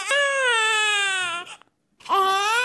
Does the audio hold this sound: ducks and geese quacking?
no